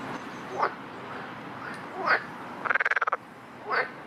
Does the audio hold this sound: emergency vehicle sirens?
no